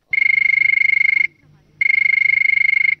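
A telephone rings for the first listener call-in of a show, in two loud bursts, each a rapid high-pitched electronic trill lasting about a second, separated by a short pause, with no voices.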